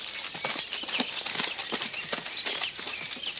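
Several soldiers run at a jog through a forest, their quick footsteps thudding and crunching in an uneven, overlapping rhythm, with faint birdsong chirping in the background.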